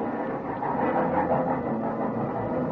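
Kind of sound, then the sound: vehicle, train pulling into station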